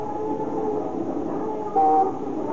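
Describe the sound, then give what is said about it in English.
Steady rumbling city traffic of horns and motors in Tokyo, with a streetcar rolling along, broken near the end by one short, loud, steady ringing tone from its bell or horn. “Even in the sound, the wild cacophony of horns and motors and the clanging streetcar bells, interspersed with the clop of horses' hooves or the creaky rumble of an ox-drawn cart.”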